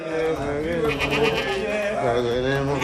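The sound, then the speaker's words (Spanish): A goat bleats in long, wavering, quavering cries that run nearly unbroken for a few seconds, fairly loud, with other voices murmuring faintly underneath, during a ritual performed on it by a sorcerer. “Pero bueno, por otra parte, vamos con imágenes que han sacudido al mundo entero por esto que hizo un brujo contra una cabra.”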